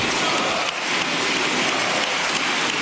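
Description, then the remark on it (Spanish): Dense, sustained applause from a large crowd in the Congreso de los Diputados, lasting 96 seconds, for José Luis Ábalos in February 2020, a steady crackling wash of many hands clapping at once with no pauses and no voices breaking through. “Uno de los aplausos más largos que se había producido en el Congreso de los Diputados duró 96 segundos.”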